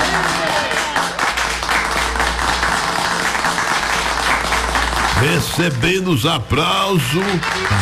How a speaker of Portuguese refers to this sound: Recebendo os aplausos, Deus dá virtude, saúde, paz e alegria.